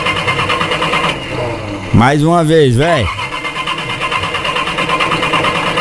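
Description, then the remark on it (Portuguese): A car engine cranks for about a second with a whining, pulsing starter sound that rises and falls a few times, but it never catches. Steady background noise runs throughout, and a man speaks briefly. “É, tem que ver se pega o carro aí, velho. Dá uma partida aí no trem. Ih, hoje não vai pegar não”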